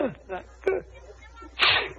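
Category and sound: human body sound, sneeze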